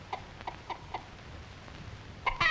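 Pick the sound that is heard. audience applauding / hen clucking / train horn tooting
hen clucking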